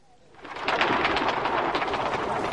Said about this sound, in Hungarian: Az orológyó harangja két retteneteset kondul. A galambok egyszerre megbolondulnak. Mind a százezer, vagy mind a millió vadul repül fel erre az óraütésre, és mint egy nagy fekete viharfelhő ereszkedik aztán le a tér sarkába.